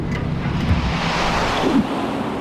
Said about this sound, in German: Das war der Eingang zum Zeitkanal. Ein Windstrom nahm uns mit.